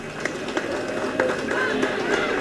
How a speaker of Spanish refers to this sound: reciban todos ustedes la más cordial de las bienvenidas y un fuerte aplauso a todos quienes nos acompañan hoy.